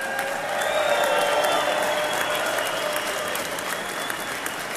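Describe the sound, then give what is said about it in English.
A large crowd applauds steadily to welcome home Mission 23 of Honor Flight Syracuse, a dense wash of clapping with faint cheering mixed in, holding at a loud, even level throughout without any talking over it. “Well, ladies and gentlemen, what a crowd to welcome home Mission 23 of Honor Flight Syracuse.”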